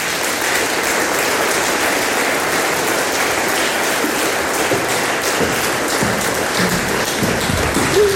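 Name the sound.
applause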